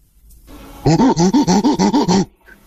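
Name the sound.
person imitating a monkey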